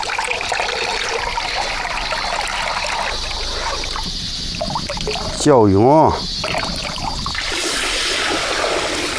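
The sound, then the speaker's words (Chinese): Steady wet sloshing and squelching as soaked buckwheat is rubbed and kneaded in water to make guagua, a Tianshui breakfast food, continuous and briefly interrupted by a short warbling squeak near the middle. “瞧，真是泡好了，正要开始搓啊！”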